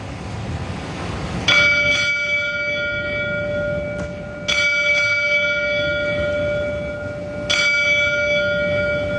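A fire alarm bell strikes three times at slow, even intervals, sounding last alarm box 1862 for fallen Boston firefighter Bobby Kilduff as mourners leave the Cathedral of the Holy Cross in Boston's South End. Each clear metallic clang rings on with long sustained overtones above a low, steady background rumble.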